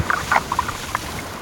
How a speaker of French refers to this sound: J'entends des vagues. Nous sommes au bord de la mer Méditerranée, au pied d'une falaise. On dirait des bulles. Ça doit être un poisson. Celui-ci est très discret. Je me demande si ce n'est pas le mérou.